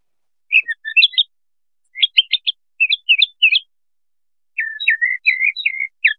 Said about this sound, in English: That sounded to me like a tentative bird. Right, yeah, and that tentativeness is a lack of stereotype.